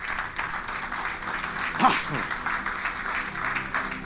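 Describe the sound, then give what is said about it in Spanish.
A church audience bursts into sustained welcoming applause for a pastor who coordinates in Argentina and South America, a dense wash of many hands clapping steadily for several seconds, with a brief voice or cheer rising out of the crowd midway. “Le damos un aplauso de bienvenida.”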